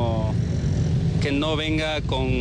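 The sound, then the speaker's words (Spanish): A steady low rumble of vehicles passing on a road at the scene of a traffic accident runs throughout, with drivers filming the accident as they pass and people talking over the traffic noise. “Y ahora vemos, por ejemplo, que pasan los vehículos, pasan grabando el accidente.”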